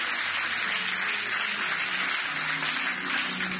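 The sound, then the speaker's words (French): An audience at a church service applauds Jesus together, a dense, steady wash of many hands clapping that fills the whole stretch without a break. “On applaudit Jésus matin pour ce bien-aimé qui va Jésus-Christ la vie.”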